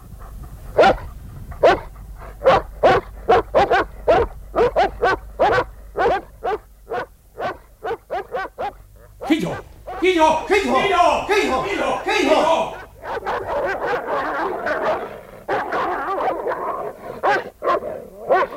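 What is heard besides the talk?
dogs barking and fighting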